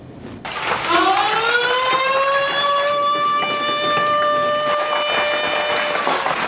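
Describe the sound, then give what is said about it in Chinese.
An alarm siren at a military base, sounded during a night-time counter-terrorism drill, winds up from a low pitch into a loud, steady, rich wail that holds for several seconds without breaking, with no voices. “这是一场夜间反恐实兵演练，从拉响警报到全员登车驶出营区，用时仅数分钟。”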